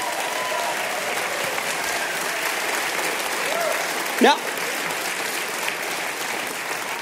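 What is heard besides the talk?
audience applause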